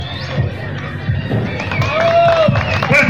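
A crowd applauds and cheers in a dense, steady roar that grows slightly louder toward the end, with shrill whistles, scattered thumps and mixed voices rising through it.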